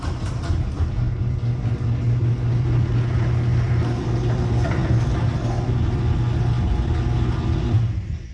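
A garage door rolls along on new premium nylon rollers, giving a smooth, steady low mechanical drone with an even hum and a slight buzz from the motor, running continuously at constant loudness with no voices.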